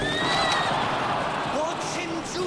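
Horses whinny in high, wavering cries over a constant roaring crowd during a chariot race as Messala lashes his horses, with a few shorter neighs breaking through near the end.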